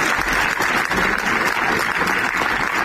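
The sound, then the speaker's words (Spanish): Sustained applause from a crowd in Zaragoza breaking a minute of silence in memory of a firefighter and a workshop worker from Calatorao, a dense, steady wash of many hands clapping at once with no pauses, fairly loud and even throughout, with no voices standing out. “Este es el aplauso que ha roto el minuto de silencio esta mañana en la capital aragonesa en recuerdo de un bombero y un trabajador del taller de esta localidad de Calatorao y que fallecían tras caerles encima un muro de la nave.”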